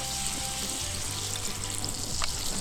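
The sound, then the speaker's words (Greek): Steady sizzling of sauce, with a little water added, bubbling and glazing in a hot pan for 15–20 seconds, a dense crackling hiss with a low hum underneath and no talking. “λίγο νεράκι και αφήνουμε να γλασάρει”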